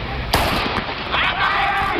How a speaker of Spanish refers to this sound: ¿Ese atleta había empezado? ¿Podemos decir que la carrera comienza con el disparo? Pero el sonido tiene que llegar al oído, el cerebro tiene que procesarlo, el músculo tiene que activarse y el pie tiene que empujar el bloque.